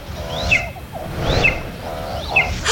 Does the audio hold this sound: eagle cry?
yes